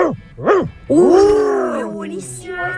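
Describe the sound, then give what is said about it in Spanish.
Two quick, rising-and-falling barks, then a long, strained snarl like an angry bulldog growling, loud. It seems to be a human voice imitating the dog. “No, ese está enojado, mal. El bulldog moto.”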